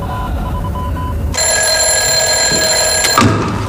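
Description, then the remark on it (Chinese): A bright, continuous bell-like ringing starts partway through and carries loudly to the end, an old-style telephone ringing with a call for the division commander, over a low background rumble. “喂，啊，稍等，师长，您的电话。”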